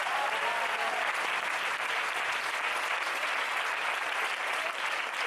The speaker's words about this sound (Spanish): Denle otro aplauso al Señor entonces.